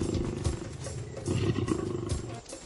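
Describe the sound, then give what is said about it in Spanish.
A lion roars in a deep, gravelly rumble that surges and holds for over two seconds, loud and low-pitched, with no voices, then eases off briefly at the end. “Cuando un león se acerca a las cebras, les es difícil saber dónde termina una y dónde comienza la otra.”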